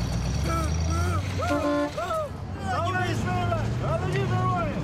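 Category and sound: vehicle, car driving past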